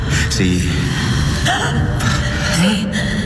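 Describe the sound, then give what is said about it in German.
A woman, a stranger laid out among the dead, draws a sharp, ragged gasp, then several more strained breaths and faint vocal catches, fairly loud, as she starts breathing again. “Sieh nur. Es ist die Fremde. Sie atmet wieder.”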